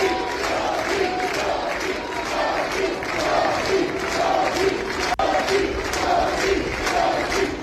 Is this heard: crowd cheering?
yes